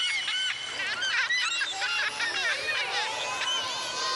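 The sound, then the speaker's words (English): A flock of seagulls squawking and crying over one another, loud, with overlapping harsh calls that continue without a break. “Let's see a seagull on the screen right behind you, Mom and Dad.”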